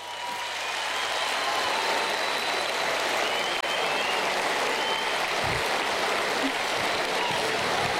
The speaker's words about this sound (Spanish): El show, el público manda, así que pido un fuerte aplauso para mi amigo, el señor Pablo Aymar.